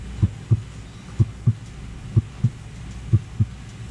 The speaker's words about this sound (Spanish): Todo estaba en silencio. Un silencio tan profundo que podía escuchar los latidos de su propio corazón.